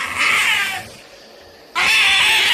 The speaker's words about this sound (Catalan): Quan ja gairebé el tenia a sobre i ell es veia més morta que viva, l'òliba va fer un crit esgarrifós.